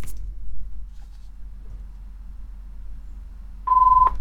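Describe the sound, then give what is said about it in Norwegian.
A quiet stretch with low background rumble, then near the end a single short electronic telephone ring tone, a clear steady pitch lasting under half a second. “Og der ringer det, gitt.”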